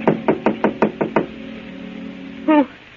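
Seven quick, firm knocks rap on an apartment door in a steady, even rhythm, close and clear, followed by a pause and a brief voice-like sound.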